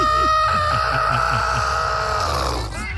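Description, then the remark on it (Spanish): A person makes a long, strained, high-pitched squeal, imitating the squawk of a chicken being choked by the neck. The single loud cry is held for about three seconds and trails off roughly at the end. “Le haces hiur. Entonces le hago yo hiur. Como cuando le agarran el pescuezo a la gallina.”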